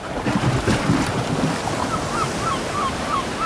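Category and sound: nature, ocean waves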